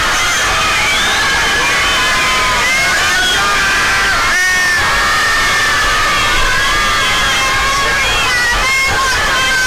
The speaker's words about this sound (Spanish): En estos momentos, pues ya entre porras y grito, los jugadores de la Selección Nacional de México están abandonando el hotel en el que se encuentran, y esto es parte del ambiente.